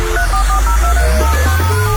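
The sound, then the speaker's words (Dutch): A rapid series of short telephone keypad beeps, the dual tone for the digit five repeated in quick succession, played on radio to announce a number in a phone-number contest, over a steady low hum with no talking. “Heb jij de getallen 1 en 5 in je telefoonnummer?”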